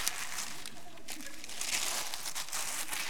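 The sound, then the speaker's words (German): Continuous crumpling and crinkling of newspaper being used as gift wrap, moderately loud, with dense papery rustles and a few sharper crunches throughout. “Gut, dass ich aber Zeitung nehme, muss man sagen.”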